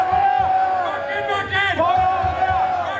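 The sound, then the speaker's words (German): A large crowd at the Wacken festival on the Holy Ground chants "Wacken" loudly in unison with rhythmic clapping beneath, applauding renewed wedding vows, a dense wall of many voices that swells and falls without pause. “Applaus für ein neues Eheversprechen geht über in Applaus für eine alte Tradition.”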